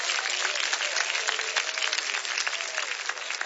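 An audience at a Portuguese-language church service applauds for Christ, dense clapping from many hands at a constant, fairly loud level without pause.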